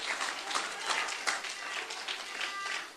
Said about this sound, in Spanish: Un aplauso al Señor en esta linda noche. ¡Oh, gloria!